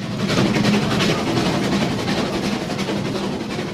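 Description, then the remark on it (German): A steam locomotive on a mountain railway at Rigi Kaltbad works steadily, steaming and pulling with a dense continuous hiss and rumble, faint rhythmic chuffing and a low engine drone. It is loud and even throughout, with no voices. “Es hat unheimlich gedampft und gezogen und gezischt.”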